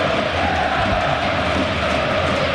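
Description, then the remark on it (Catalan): A large crowd at Camp Nou stadium roars and chants in unison in honor of its goalscorer, a dense, steady wall of many voices sustained at full loudness throughout, with no individual speech standing out. “Canta el Camp Nou en honor al seu killer, al seu nou, al seu golejador de la Reconquesta.”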